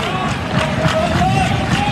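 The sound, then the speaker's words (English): A stadium crowd of Georgia baseball fans claps and cheers during the seventh inning of a game against Florida, in a steady, loud wash of noise for two seconds, with a faint voice woven into the roar. “Georgia fans clapping, making some noise here, hoping to get through this seventh.”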